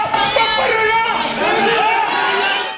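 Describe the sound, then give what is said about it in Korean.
A dense crowd of Democratic Party supporters cheers and shouts at once as the party's leadership candidates give policy speeches before members, a loud, steady roar of overlapping voices with raised, wavering yells rising out of the din for about three seconds. “전당대회가 조기 과열 양상을 보이면서 지지자들의 환호와 고성이 뒤섞였습니다.”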